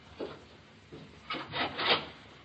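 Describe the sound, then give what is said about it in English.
A wooden door creaks open in a series of dry, rubbing groans that grow louder toward the end, with no one speaking. “Then he went to the door.”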